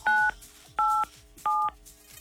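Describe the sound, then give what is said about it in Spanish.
Three distinct telephone keypad tones, a caller pressing 987 on his phone, beep in steady succession, each a short dual-pitched electronic note separated by brief pauses, clear with no voices. “Apriétale a tu teléfono 987 y veremos qué artista te toca, ¿ok?”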